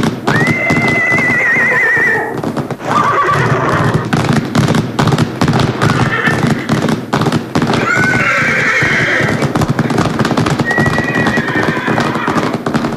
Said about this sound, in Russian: Неподалеку появился дикий табун лошадей. И Луна, укрощенная Луна, перестала подчиняться наезднице.